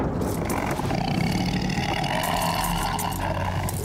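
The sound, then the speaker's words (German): A stomach growls in a loud, continuous low rumble that holds steady for about four seconds with a rough, throaty texture and no voices over it. “Oh, das knurrende Monster ist mein Magen.”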